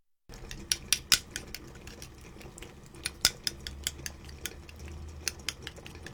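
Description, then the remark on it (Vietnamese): A metal ladle clinks and scrapes against a cooking pot in a quick, irregular run of sharp taps, moderately loud over a low hum, with no one talking, as a mix of broth and thick bean paste is ladled into a pot of cooking clams. “Dùng một cái muôi múc hỗn hợp và tương đặc cho vào nồi.”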